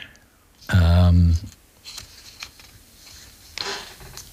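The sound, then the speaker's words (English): Sheets of paper rustle and shuffle in short, crinkly bursts as someone searches for a misplaced sheet, with a louder flurry near the end. A brief voiced hum sounds early on. “I misplaced a particular sheet of paper here”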